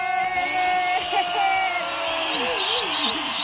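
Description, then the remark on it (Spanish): Steady audience applause welcoming a doctor from INECOL as a speaker, with loud cheering and whoops rising over it, a dense wash of clapping and excited shouting that holds for a few seconds. “Un aplauso para la doctora”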